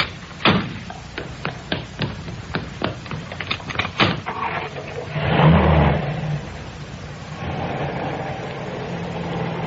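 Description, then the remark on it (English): Several sharp clicks and knocks give way to a car engine starting with a brief rev, then settling into a steady, moderate rumble as the car pulls away and drives on. “Well, I must say, it is nice to be driven for a change.”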